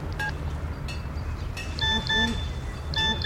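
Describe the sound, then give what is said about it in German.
A mobile phone's SMS text alert chimes in a few short, bright electronic beeps spaced across the moment, clear over a steady low engine-like rumble, with a faint voice murmuring in between. “Was? Eine SMS?”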